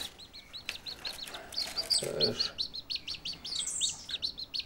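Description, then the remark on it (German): A chicken chick in a cardboard box peeps steadily in quick, high-pitched repeated cheeps, with a brief lower murmur partway through and soft background rustling. “Das ist jetzt das Hühnerküken.”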